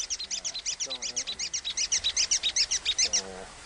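A rapid, even train of sharp, high chirping echolocation clicks from a swiftlet, about five or six per second, steady, with faint lower squeaks briefly underneath.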